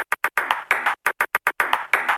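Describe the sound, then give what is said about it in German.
A table tennis ball taps out Morse code, with quick single clicks alternating with longer rattling bursts in an uneven dot-dash rhythm. No one speaks. “Sind Sie ein schüchterner Mensch, aber können gut Tischtennis spielen? Dann morsen Sie doch einfach.”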